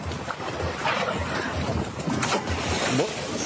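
A sailing boat at the Thiessen Race, a regatta of large and traditional sailing ships in Kiel, moves through choppy water, waves slapping and splashing against the hull amid steady wind rush and buffeting on the microphone, continuous and fairly loud.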